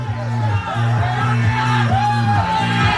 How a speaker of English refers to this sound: we see them in the distance, and there's a crowd of 3 dozen people surrounding the game. It's fantastic.